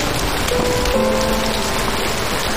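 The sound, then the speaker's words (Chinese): Steady, dense rain pours onto a hard surface, a continuous hiss of drops with no pauses, fairly loud, with a faint low tone humming underneath. “自从那个雨夜之后，我不但讨厌下雨，而且是害怕下雨了。”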